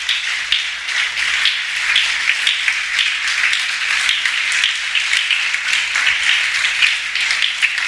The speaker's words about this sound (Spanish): Dale un aplauso al Creador.